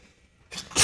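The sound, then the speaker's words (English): A sudden sneeze bursts out after a brief quiet moment, loud, with a short sharp breath just before the main explosive blast. “excuse me. Bless you.”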